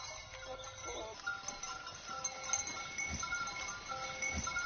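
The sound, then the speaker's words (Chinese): Black goats bleat in a herd in Xianjin village, Liangping District, Chongqing, a hilly area about 500 m above sea level; several wavering calls overlap, with a steady rustling farmyard background and no talking. “重庆市梁平区子赵镇，平均海拔500米，地形以山地丘陵为主，自然资源丰富，这为发展养殖业创造了得天独厚的自然环境，使得先进村养殖黑山羊已有上百年的历史。”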